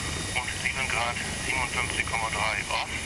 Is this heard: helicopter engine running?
yes